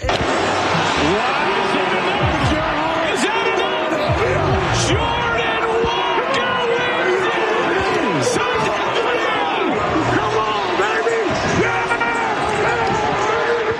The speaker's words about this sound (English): And listen to the crowd not cheer. That was courtesy of Netflix last night.